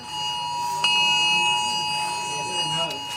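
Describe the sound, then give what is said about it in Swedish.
A steady electronic emergency alert tone blares continuously from a phone during a test of the alert system, the phone also vibrating, with layered high-pitched harmonics, holding at constant loudness throughout with a faint click partway. “Först kom larmet som både tjöt och vibrerade.”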